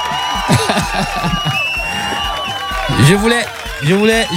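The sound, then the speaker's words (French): An audience bursts into applause after a quiz contestant gives the correct answer, mixed with loud cheering and whooping voices, a sustained, lively wash of clapping and shouts that swells in short waves over about four seconds. “Je voulais appuyer le chrono et en même temps, c'est parti sur les applaudissements, comme si je savais qu'il avait la bonne réponse.”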